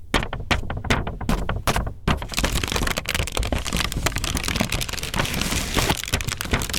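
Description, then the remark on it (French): Paper being handled and crumpled in a workshop on paper sounds with visually impaired young people at the Institut d'éducation sensorielle (IDES) in Paris, starting with a few sharp crinkly bursts and settling into a dense, steady rustling and crackling that stays loud throughout, with no voices. “Institut d'éducation sensorielle, jeunes déficients visuels à Paris, avec lesquels elle a monté un atelier toujours autour des sons de papier.”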